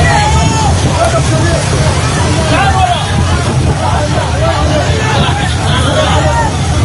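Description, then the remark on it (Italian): A dense crowd of voices talks and calls out all at once outdoors on the Gaza shore, as people try to recover the solar panels of an unmanned flotilla boat that drifted ashore; a steady loud hubbub over a low rumbling background, with no single voice standing out. “Quello che state ascoltando è il sonoro di un video ricondiviso proprio dalla flottiglia, mostra alcune persone che tentano di recuperare i pannelli solari della barca, fondamentali nella striscia per la carenza di carburante.”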